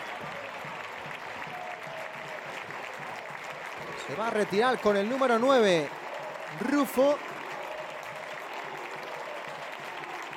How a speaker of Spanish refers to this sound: Los aplausos del público, también la ovación.